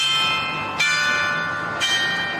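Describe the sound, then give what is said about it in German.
The mechanical carillon of the town hall in Franeker plays the wedding march, bright sustained metallic tones with new strikes at a steady pace layering over the lingering hum of earlier ones, with no voices present. “Das Glockenspiel des Rathauses, auch ein mechanisches Wunderwerk, lässt zu unserem Abschied passend den Hochzeitsmarsch erklingen.”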